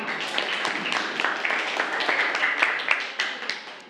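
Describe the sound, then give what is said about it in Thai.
A class of students claps for a classmate who has just answered the teacher's question, clapping steadily for about four seconds, a dense, even patter of many hands with a few sharper slaps standing out, and no clear talk over it. “อ๋อนี่ก็เป็นอีกหนึ่งเหตุผลนะครับปรบมือปรบมือเพื่อน”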